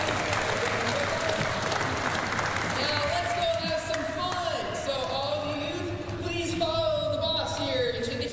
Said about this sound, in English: She would not have sat this still, so round of applause to everybody.